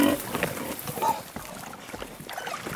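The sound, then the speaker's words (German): Porc Negre pigs grunting outdoors, where they spend nearly their whole lives, a steady run of rough, irregular snorts and short squeals at moderate loudness, overlapping one another with no pauses. “Seine Schweine verbringen hier draußen nahezu ihr ganzes Leben.”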